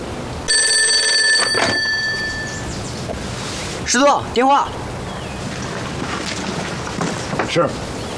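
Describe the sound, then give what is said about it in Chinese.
An old telephone bell rings in one sustained, bright metallic burst lasting about two seconds, followed by a man's short spoken line telling the division commander there is a phone call, over a steady background hiss. “师座，电话。”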